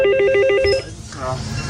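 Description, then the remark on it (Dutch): A small bell, rung for a passing boat at a hand-operated village bridge, rings in a rapid, even trill of bright, repeating pulses for under a second, then stops as a voice begins speaking. “En dat belletje, dat klinkt dan als volgt.”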